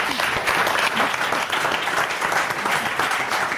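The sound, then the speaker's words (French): A crowd applauds a guest's effort after a wrong answer, a steady, dense wash of many hands clapping at a constant loudness for a few seconds without a break, with no voices standing out. “On applaudit l'effort.”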